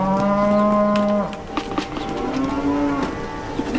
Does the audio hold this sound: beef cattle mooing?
yes